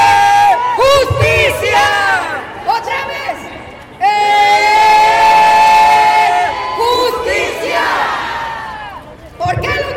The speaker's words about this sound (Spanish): Les voy a pedir que hagan un ejercicio. Van a levantar sus manos. Van a levantar sus manos como le hacen en los juegos de fútbol y que gritan ¡eh!